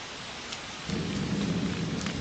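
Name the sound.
rain falling outside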